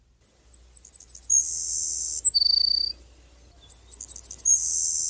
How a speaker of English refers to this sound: let's hear about a former mystery guest from Dave Fifield, the Savannah Sparrow